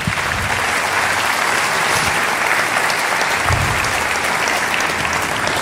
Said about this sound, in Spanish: Dar un aplauso a Dios.